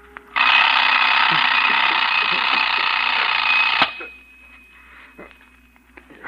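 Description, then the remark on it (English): A loud alarm clock rings in a continuous, rattling peal for about three and a half seconds, then cuts off abruptly, leaving quiet room noise with a few faint clicks. “Clock.”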